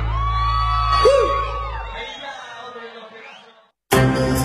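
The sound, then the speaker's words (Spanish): A girl screams with a sharp, rising and falling yelp over a noisy, crowd-like background; it trails off, followed by a brief silence before different audio cuts in. “el grito de la chica”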